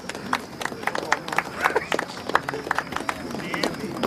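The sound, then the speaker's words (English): An audience, including the Munsters, applauds the announcement of the Monster Family as winner, with steady, dense clapping, a busy patter of sharp claps that keeps going without a break for several seconds, with a faint murmur of crowd voices underneath. “The Munsters applaud and crane their heads round to spot the winners, unaware it's them.”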